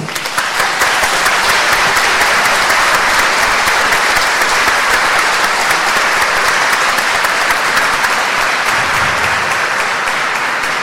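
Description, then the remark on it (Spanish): Sustained applause from a large crowd at a church mass, in honour of the Virgen del Pino, a dense steady patter of many hands clapping that fills the whole stretch at an even, loud level with no voices rising above it. “¡Dame un aplauso!”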